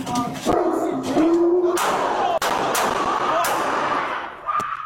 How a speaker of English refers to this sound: Is the dog put away? Sorry, he's not aggressive. Oh, he's huge.